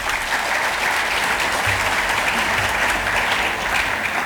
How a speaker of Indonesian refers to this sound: Tepuk tangan untuk generasi muda.